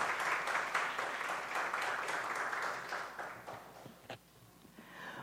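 A round of applause from a crowd, dense steady clapping that holds loud for about four seconds, then thins out and fades into a few scattered claps.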